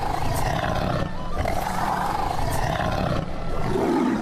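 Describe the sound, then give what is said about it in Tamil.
A tiger roars loudly and continuously, deep rumbling growls rising and falling in long sustained waves, powerful with no other sounds around it. “புலிகள் தினம் கடைபிடிக்கப்படுகிறது.”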